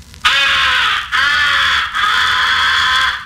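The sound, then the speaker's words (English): Three drawn-out, raspy crow caws blown on a crow call, each nasal, buzzy and loud, following one another with brief breaks between them and no talking: the comeback call, used in crow hunting on incoming crows to bring back crows that have been shot at. “The fourth essential call is the comeback call. It is used mixed with the recognition call and the fighting call on incoming crows.”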